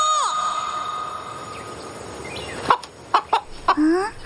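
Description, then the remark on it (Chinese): A big rooster, carried in someone's arms while they run, clucks in a few short, abrupt bursts, ending with a slightly longer rising cluck, after a fading drawn-out call at the start. No one speaks. “哎呀，不能老抱着公鸡跑呀，也不能不睡觉啊。”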